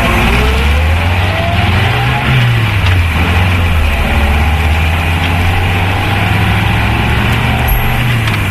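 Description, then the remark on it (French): A car's engine drones loudly, revving briefly before winding down as the car slows and stops, then settling into a steady running hum with no voices. “Mais pourquoi t'arrêtes-tu ? Il y a une abeille dans la voiture.”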